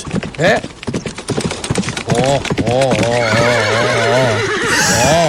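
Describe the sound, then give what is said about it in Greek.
A quick run of clip-clopping hoofbeats gives way to a loud, drawn-out horse whinny with a shaky, quavering pitch that trails off near the end, played as a horse sound effect. “Χλιμιντρίζει κιόλα. Έρχεται, έρχεται με το άλογο.”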